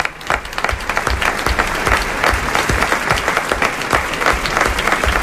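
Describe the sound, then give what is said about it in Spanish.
Sustained applause from an audience for the actors of a dramatized version of Joseph Conrad's La Taberna de las Dos Brujas, dense overlapping claps filling the whole stretch at a steady, fairly loud level, with no voices standing out. “Y el aplauso para nuestros actores.”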